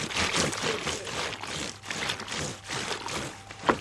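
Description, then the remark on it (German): Laundry is scrubbed on a washboard, with steady, repeated rasping strokes mixed with wet sloshing and splashing water. The sound is fairly loud, and no one speaks. “Erkennst du das noch? Das Waschbrettl.”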